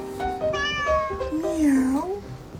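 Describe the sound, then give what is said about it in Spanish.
A cat meows several times, short rising calls followed by one long, wavering meow, over a low background hum, played as the hidden cat on José Cárdenas's Fórmula radio program. “Anda por ahí ronroneando el gato oculto.”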